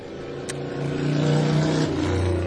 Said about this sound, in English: We have the doors and windows open here, and even though we're up on the 13th floor, we're still going to get a lot of noise from the street below.